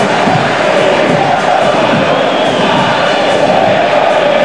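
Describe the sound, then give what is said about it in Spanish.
A loud, sustained roar of a huge stadium crowd at La Bombonera giving an ovation for Galloso before Boca plays Católica, dense cheering and shouting filling the space continuously without a break. “Qué ovación, ¿eh?”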